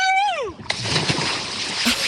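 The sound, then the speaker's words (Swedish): A voice lets out a falling whoop, then a person jumps into lake water with a loud splash, followed by about a second of churning, sloshing water. “Så när du är redo så tar du väl lite plask, tänker jag.”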